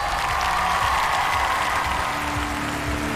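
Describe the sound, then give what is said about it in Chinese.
Steady audience applause at an international singing competition, welcoming 100 international public judges, fills the space, a dense wash of many hands clapping at an even, sustained level, with some faint low rumble beneath and no talking. “接下来让我们欢迎来自全球各地热爱音乐的100位国际大众评审，掌声欢迎各位。”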